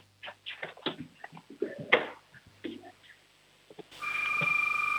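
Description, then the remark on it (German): A 6-year-old boy from Schwaz in Tyrol, Austria, mimics a doorbell with his voice in a quick series of short, bright vocal bursts and ringing tones. Then a steady hiss with faint electronic tones takes over. “Und jetzt noch die Türklingel, auf los. Die Türklingel.”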